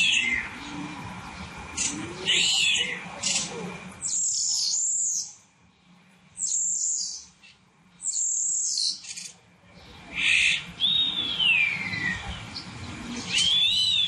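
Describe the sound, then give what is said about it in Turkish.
A starling, recorded in Konya, Turkey, sings a busy stream of whistles, chirps and rattles, broken by a few short pauses, with a cat-like mewing call mimicked near the start. “Evet, bir sığırcık sesi var ve en başında gerçekten kedi sesi çıkarıyor hayvan.”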